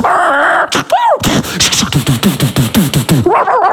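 A loud dog barks in a fast, steady series of about a dozen sharp yaps, preceded by a brief whining, rising vocal sound.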